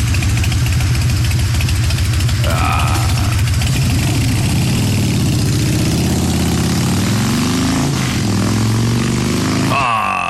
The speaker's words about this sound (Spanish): Está la moto que le compró la señora